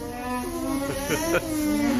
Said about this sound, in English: And did you know that this week is National Alpaca Week? And did you know that alpacas hum? This is what they sound like.